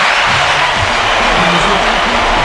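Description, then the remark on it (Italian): Loud, steady applause fills the whole moment, a dense wash of many hands clapping at once, with some murmuring voices faintly underneath. “Mamma mia, che conduttore, facciamo allora... gli applausi.”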